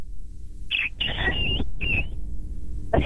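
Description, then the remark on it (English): A person imitates a bantam rooster as a sound effect, first calling the hens in, then crowing: a shrill, squealing call broken into several rising and falling bursts, delivered loud and close with no other talking. “And then he gives his crow.”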